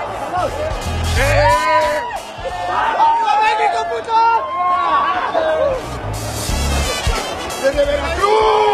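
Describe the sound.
A dense crowd supporting the Mexican national team, at a match between Mexico and South Africa, shouts and cheers steadily throughout, many overlapping raised voices forming a loud, continuous roar with brief chant-like swells rising above the din.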